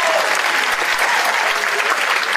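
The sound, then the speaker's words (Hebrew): A crowd applauds in a dense, steady wash of clapping that holds an even, fairly loud level throughout, with no voices standing out. “קול כפיים, רבותיי, שנייה מדהים.”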